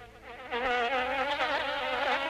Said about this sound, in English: Springtime is when mosquitoes come out in full force.